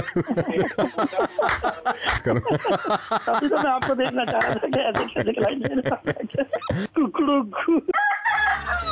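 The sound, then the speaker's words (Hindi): A loud rooster crow sound effect from the Radio Mirchi prank segment Mirchi Murga rings out clear, stretched over several seconds and layered with lively talking voices, ending in a brighter, noisier burst. “छोटा सा मजाक कर रहा था आपका मुर्गा।”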